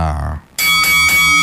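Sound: bell ringing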